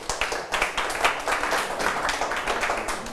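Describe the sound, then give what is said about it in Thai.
A group of students in a science lesson on force diagrams claps for a classmate, a steady burst of many overlapping sharp claps filling the whole stretch at moderate loudness, with no voices heard. “นักเรียนนะครับปรบมือให้เพื่อนด้วยนะครับ”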